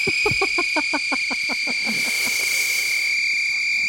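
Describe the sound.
A homemade bagpipe, made by stretching a balloon over a whistle, plays a steady, shrill whistling drone, with a quick run of pulsing, honking notes for the first half before it settles into an airy, sustained tone.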